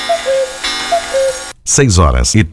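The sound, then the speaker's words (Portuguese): A clock ticks in a steady two-tone tick-tock rhythm, several beats over a hissy background, before a man's voice abruptly starts speaking. “Confira comigo os relógios à hora certa.”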